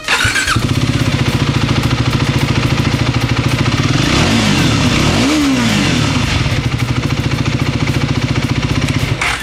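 A motorcycle engine starts with a burst and settles into a loud, steady rumble, its pitch rising and falling as it revs midway through before holding steady again. No voices.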